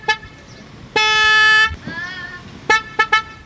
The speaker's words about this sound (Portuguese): Agora sim. Cadê a turma do supermercado Luquezzi? Essa aí é a buzina do carro de entrega do supermercado Luquezzi.